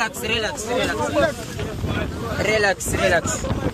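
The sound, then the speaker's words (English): Strong wind buffets the microphone aboard a boat on a rough, wavy sea as a French gendarme boat appears, with a constant rushing roar of wind and water while several voices talk and call out loudly over it. “The gendarme boat appeared.”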